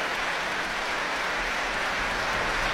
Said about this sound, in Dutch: Nu ook een groot applaus voor concertmeester Vlad Stankulesa. Hij speelde de viool solo. En voor cellist Gustav Bavoltovski.